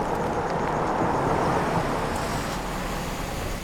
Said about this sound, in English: Tree pulls to the side of the road and a police car parks behind her.